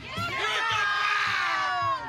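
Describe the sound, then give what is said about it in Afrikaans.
A crowd of school children at Newton Park Law School shouting and cheering together, loud, with high overlapping voices sustained for a couple of seconds before tapering off. “Vir wie skree julle?”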